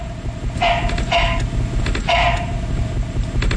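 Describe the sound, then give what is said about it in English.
A barking frog gives a series of short, harsh, bark-like calls, three rough bursts with raspy overtones, over a steady low background rumble. “this is a frog. Frog.”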